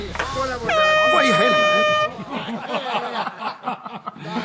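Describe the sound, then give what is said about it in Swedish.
A single loud, sustained horn blast lasting just over a second, with people talking and chuckling before, during and after it. “Tut ut, vänner.”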